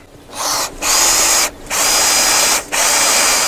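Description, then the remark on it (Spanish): A power drill bores into a plate in loud bursts, its high whine cutting out briefly three times between runs, with no voices. “La placa se asienta bien. La taladraste bien.”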